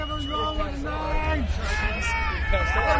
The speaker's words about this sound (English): We've got some strong shouting coming from the crowd for this one. Yeah. Big feelings. I don't know what they're saying.